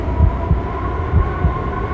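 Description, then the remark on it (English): A heartbeat sound effect: two deep, muffled lub-dub double thumps about a second apart, pulsing steadily over a low, constant hum. “I hear your heartbeat from miles away.”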